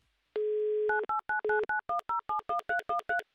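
A steady dial tone sounds briefly, then a quick run of about a dozen sharp touch-tone beeps as a phone number is punched in, each beep short and evenly spaced, close and clear with no voices.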